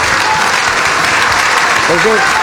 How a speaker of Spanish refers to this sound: Ya estamos haciendo división de clase. Están aplaudiendo la radio y no la televisión. Se dan cuenta cómo son.